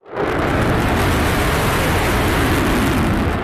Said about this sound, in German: Der F-35 ist alles andere als ein diskreter Vogel. Eine Lautstärke von über 100 Dezibel bringt er beim Start problemlos her. Das ist etwa so laut, wie wenn man einen Meter neben einem Presslufthammer steht.